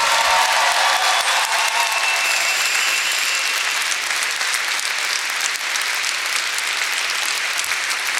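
Sustained applause from an audience at a live show, a dense wash of steady clapping that stays loud throughout, with no voices standing out.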